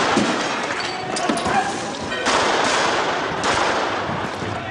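Several pistol shots, fired by police at demonstrators during violent night-time riots on Nørrebro in Copenhagen, crack out in scattered bursts over a dense, roaring background of street commotion, with faint shouting voices mixed into the chaotic noise; at least 113 shots were fired.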